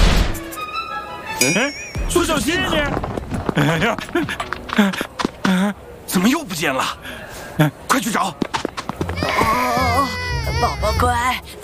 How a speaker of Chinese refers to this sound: 宝宝乖，不哭不哭啊！哎，好宝宝，听话了啊！